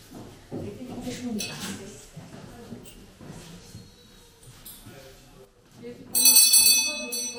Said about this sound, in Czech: Děkuji, pane asistente. Takže zazvonil zvonec a vyučování je konec.